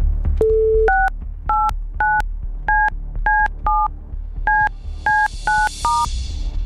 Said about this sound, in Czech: Doufám, že jsem vytočil správné číslo.